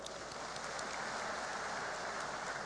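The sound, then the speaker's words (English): A crowd applauds steadily for the Tagbilaran City College Class of 2026 graduates at their graduation rites, a dense, even wash of many hands clapping with no break and no voices, holding a constant loudness for a few seconds. “You all deserve a big round of applause.”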